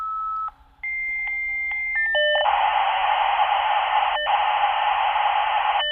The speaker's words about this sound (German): Ja, so tönte es in den 90er Jahren, als ein Modem sich in das Internet eingewählt hat. Daran erinnert sich die Kuratorin Merit Ernst vom Zürcher Museum für Gestaltung.